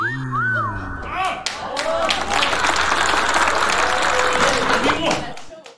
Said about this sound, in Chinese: 当时我诗兴大发，嗯，就地给这天塔做了一首诗。这诗的题目您各位听完了都得给我鼓掌。